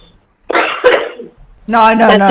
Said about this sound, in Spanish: Yo no me puedo reír mucho porque empiezo a toser.